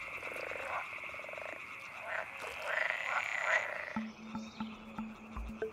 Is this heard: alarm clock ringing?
no